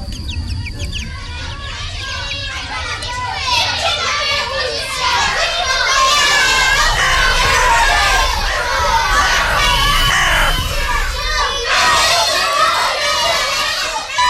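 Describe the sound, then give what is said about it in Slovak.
Children play, laugh and shout outdoors on a hilltop amid greenery and trees at Štály near Nová Baňa, Slovakia, their overlapping voices and squeals filling the scene steadily, with a low rumble underneath and birdsong mixed in. “Spev vtákov i smiech detí narušil toto velebné podhorské ticho.”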